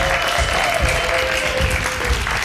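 A show audience votes in a round by applause and noise: a crowd claps steadily in a dense, continuous wash of applause, with low, rhythmic thumps of stamping feet pulsing underneath at roughly regular intervals.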